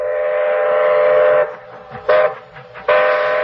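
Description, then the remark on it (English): A moving train sounds its whistle loudly: one long, steady blast, then a brief toot and a third blast cut off at the end, with no talking. “You'll have to take the train to Niagara Falls and stop him yourself.”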